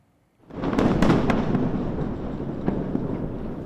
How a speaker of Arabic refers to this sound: دوي هز جنوبي لبنان لم يكن كأي دوي عابر، بل ارتجاجات سجلتها هيئة المسح الجيولوجي الأمريكية بقوة تعادل نحو 4 درجات على مقياس ريختر